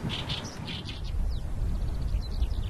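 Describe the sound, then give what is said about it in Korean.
An Oriental reed warbler sings close by, a husky courtship song to attract a mate: a series of harsh, chattering notes in quick repeated bursts over a steady low rumble of outdoor wind noise, with no one talking. “이 소리가 개개비 소리가 내는 소리.”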